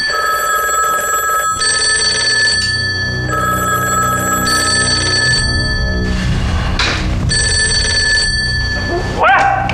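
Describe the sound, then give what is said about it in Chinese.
A telephone rings in repeated bursts of a bright, steady electronic tone, starting and stopping in a regular pattern, with some rustling and background noise between rings. “你想回避一下吧，哪个电话都跟你有关，你想回避。”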